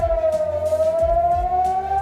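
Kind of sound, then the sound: signal or alarm, air raid sirens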